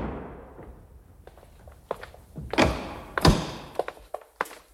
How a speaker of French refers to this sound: Quelques secondes après, la porte s'ouvre sur un immeuble chargé d'histoire.